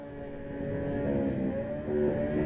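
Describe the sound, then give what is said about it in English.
A Superstock racing motorcycle engine revs steadily and loudly at the start of a race at the Isle of Man TT, a throaty harmonic drone that swells slightly toward the end, with no speech over it. “You can hear the bike revving up and it is as spectacular as ever.”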